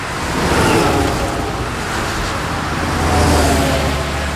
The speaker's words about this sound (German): LKW auf der Autobahn, auch das ein interessanter Bereich für Automation.